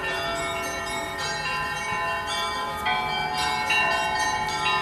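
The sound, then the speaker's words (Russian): Church bells rung by members of the public and bell ringers at a bell-ringing festival ring continuously, several bells struck in overlapping succession so their tones layer into a rich, sustained peal with no voices. “В этот день позвонить в колокола могли все желающие.”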